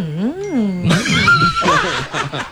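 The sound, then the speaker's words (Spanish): A person imitates cows conversing in a field with a low, wavering moo, loud, then breaks into bursts of laughter with other voices joining in. “Oigan, estaban en el campo así unas vacas conversando. Ay, no, ¿cómo hablan las vacas? Así.”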